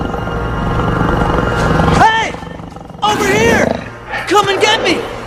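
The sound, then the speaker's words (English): A jaguar gives a low, rumbling growl for about two seconds, then lets out three loud, ragged roars that rise and fall in pitch with brief pauses between them. “Walking alone, Spencer halts when he notices a jaguar.”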